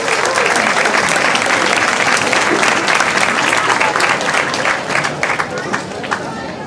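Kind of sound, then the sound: crowd, audience applause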